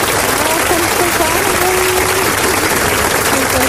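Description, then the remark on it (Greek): Steady, dense applause from a crowd keeps up for the whole few seconds, loud and even, with a faint voice-like murmur underneath the clapping. The applause is for a caller who won the first draw of a contest. “Α, δεν πειράζει, τόσο, εμείς ένα χειροκρότημα θα το ρίξουμε ούτως ή άλλως, γιατί έχεις κερδίσει.”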